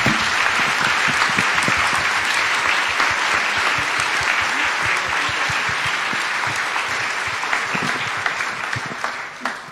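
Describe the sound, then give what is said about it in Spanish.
An audience applauds steadily to acclaim the word of God after a Gospel reading, a dense, loud wash of many hands clapping that holds for several seconds before thinning slightly at the end. “Aclamemos con un fuerte aplauso la palabra de Dios.”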